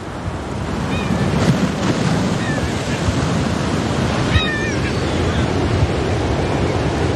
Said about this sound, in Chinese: 每年十一月，这一幕都伴随着海风与海浪在伊尼什维基兰岛上演。